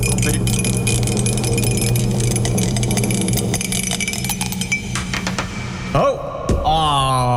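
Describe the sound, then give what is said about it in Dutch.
A dropped die clatters and rolls, landing on six, giving a run of quick, uneven clicks and taps over a steady background hum, before a short vocal sound near the end. “Sorry, ik heb de dobbelsteen laten vallen.”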